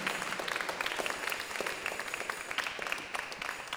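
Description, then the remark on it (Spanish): A church audience applauds the Lord at an evening service, a steady wash of many hands clapping at once, dense and continuous with crisp individual claps standing out throughout, and no voices heard. “Démosle un fuerte aplauso al Señor en esta noche.”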